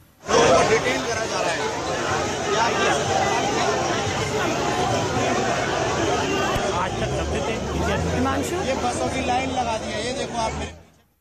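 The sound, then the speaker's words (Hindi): Dense crowd noise from a street protest held without permission, with Saurabh Bharadwaj taking part and protesters carrying a picture of Babasaheb Ambedkar. Many overlapping voices chatter and call out in a loud, steady roar that runs the whole time with no pause. “शायद भीड़ भाड़ और शोर की वजह से हिमांशु तक हमारी आवाज नहीं पहुंची, लेकिन इस बीच ये तस्वीरें देखिए, बाबा अम्बेडकर की तस्वीर के साथ यहाँ पर प्रदर्शन किया जा रहा है।”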